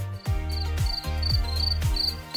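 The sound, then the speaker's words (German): Crickets chirp in short, evenly repeated high-pitched bursts, clear and steady, over a background of low, sweeping tonal sounds like music; this is the SWR4 radio summer-night sound hidden in the station's music mix. “Dieses SWR4-Sommernachtsgeräusch, das Zirpen der Grillen,”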